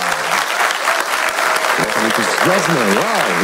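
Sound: audience applauding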